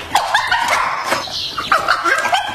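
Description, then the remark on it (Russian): A dog named Top barks repeatedly in a quick, uneven series of sharp, fairly loud yaps, with no voices. “Когда Топ звал нас Питера Сайреса, он лаял точно так же.”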